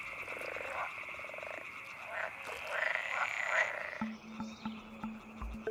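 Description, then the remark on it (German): A chorus of frogs croaks steadily, layered calls overlapping in a dense, continuous din, with a deeper repeated croak joining in toward the end. “Wer davongekommen ist, darf weiter quaken.”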